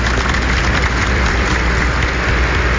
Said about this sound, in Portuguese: Acolhemos os sacerdotes, os redentoristas, os leitores, ministros da Sagrada Eucaristia, os acólitos, coroinhas, os cantores e você que reza conosco com a grande e calorosa salva de palmas. Bem-vindos, bem-vindas à nossa celebração.